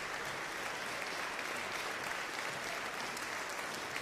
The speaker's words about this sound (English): Vivaldi's Concerto for Four Violins and Cello in B minor, Requiem 580, brought this 2025 concert by the Sebastians to its close, eliciting jubilant applause from the audience at the Geneva Music Festival.